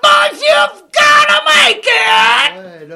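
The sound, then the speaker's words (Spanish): A man lets out a loud, drawn-out shouted war cry in several strained bursts, each yell rising and breaking, with a final trailing wail fading at the end. “Ese es mi grito.”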